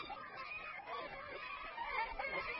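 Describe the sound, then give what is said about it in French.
Faint tawny owl calls with a harsh, gull-like cry, repeating in a rough stream against a steady, hissy outdoor background. “Voilà que nous revoilà un souvenir, que nous avons connu Atlantique, pourvu du cri de la mouette, sauf que ce coup-ci, elle joue avec la voix de la hulotte.”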